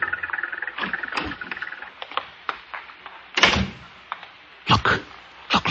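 A light truck drives up and comes to a halt, its engine whirring with squeaks and rattles, followed by a few heavy mechanical clunks as it stops.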